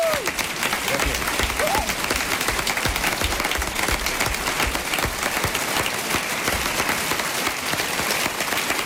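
Sustained audience applause for the actors after a performance of a Robinson Crusoe story, a dense, steady wash of many hands clapping at an even loudness throughout, with a faint voice rising briefly near the start.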